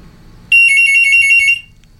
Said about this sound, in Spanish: Ya no voy a atender el teléfono.